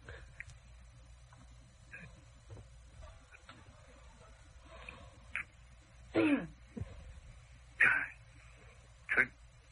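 A man coughs and clears his throat in three harsh bursts spaced a second or so apart, fairly loud over a low background hum.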